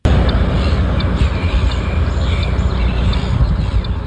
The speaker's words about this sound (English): Off the side of a highway and over 10 kilometres from the beach, the squawking of a flock of seagulls might catch you off guard.